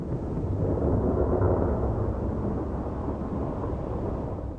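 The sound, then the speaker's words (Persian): A heavy rainstorm with dark clouds roars steadily with deep rumbling thunder and strong gusting wind, a dense, loud wash of noise that fills the whole stretch without pause. “طوفان‌های بارانی با بادهای شدید و ابرهای تاریک همراه می باشند.”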